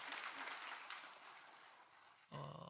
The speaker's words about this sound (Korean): 우리 찬양대 오케스트라 감사합니다. 큰 축복의 박수. 아우, 감사합니다.